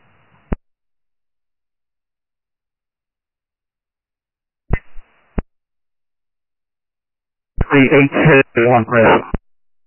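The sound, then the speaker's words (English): A two-way radio crackles with short bursts of noise and sharp squelch clicks, then a garbled, band-limited voice transmission breaks through in choppy fragments before cutting off abruptly. “The 614 P109, your radio is turned into static.”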